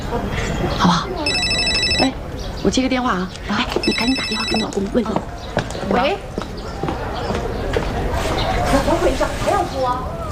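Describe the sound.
A telephone rings in two short bell-like bursts, loud, while people keep talking over it in a busy, chattering room.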